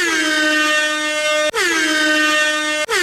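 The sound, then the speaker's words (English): A loud air horn, played as an alarm, blares in long, sustained blasts, three in a row with only split-second breaks between them, its harsh, brassy tone dipping slightly in pitch at the start of each blast. “You need some sort of alarm, you were saying.”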